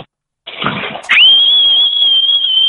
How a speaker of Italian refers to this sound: Io invece vorrei aggiungere a quella sfida lì i decibel, cioè chi fischia più forte, perché io spacco di brutto, cioè proprio no. Cioè, facci sentire, prova a farci sentire il tuo fischio.